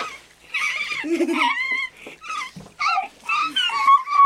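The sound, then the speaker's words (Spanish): A small stray dog, soaked by rain and shivering with cold, whimpers in a string of short, high, wavering whines with brief pauses between them, fairly loud and with no talking over it. “Era un perrito callejero empapado por la lluvia.”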